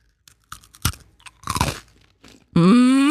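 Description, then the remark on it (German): Crisp crunches as someone bites into a Spekulatius biscuit, a spiced shortcrust biscuit, with a few sharp bites followed by chewing, then a loud hummed voice sound at the end. “Es ist ein Spekulatiuskeks.”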